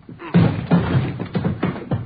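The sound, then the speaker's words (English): A door is struck hard again and again, about five heavy, booming thuds in quick, uneven succession, loud, as police officers try to force it open. “Hit the door.”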